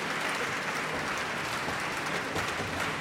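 Steady audience applause fills the whole clip, a dense crackle of many hands clapping at an even loudness with no pauses and no voices.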